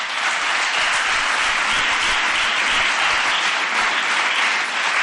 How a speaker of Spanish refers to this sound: Un fuerte aplauso